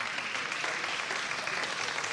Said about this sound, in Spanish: Para ella, un aplauso, por favor.